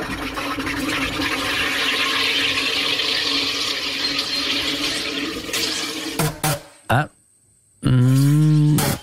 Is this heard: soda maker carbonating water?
yes